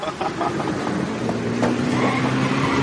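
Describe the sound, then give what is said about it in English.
A car's tires squeal in a long, sustained screech over a steady engine roar, loud, as the car skids through a stunt. “Sometimes our cars get so crazy, they even do the little stunts.”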